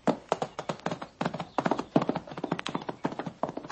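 Horse hooves clip-clop in a brisk, steady rhythm of sharp knocks, several strikes each second, heard alone without any voices.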